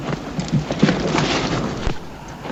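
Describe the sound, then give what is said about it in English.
A horse, with brief snorting or whinny-like tones and possible hoof clatter over a steady, rough outdoor noise bed; no one speaks. “Oh, there's another horse around somewhere.”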